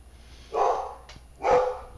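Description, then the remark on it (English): A dog barks twice, two full, drawn-out barks about a second apart, moderately loud and heard on their own with no talking. “I'm sure you're getting the dog.”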